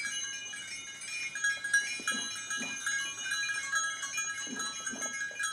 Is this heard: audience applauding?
no